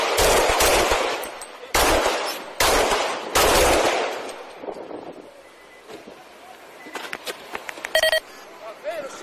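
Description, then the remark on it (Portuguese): A police officer fires a pistol seven times in rapid succession, recorded by an officer's body camera; the loud shots ring out, then fade into quieter, muffled background noise with a brief tone near the end. “Em seguida, ele atira 7 vezes.”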